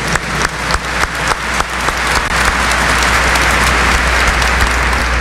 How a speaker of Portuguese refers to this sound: Quem está aqui? Quem está em casa? Aquela salva de palmas calorosa, fraterna, de boas-vindas.